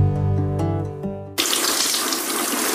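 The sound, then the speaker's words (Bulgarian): A steady, pipe-like humming tone gives way abruptly to a tap turning on in a bathroom, then a loud, continuous rush of running water poured over a Triano BG cabinet, with no one talking. “Димитре, какво правиш бе? Защо поливаш кафа в банята?”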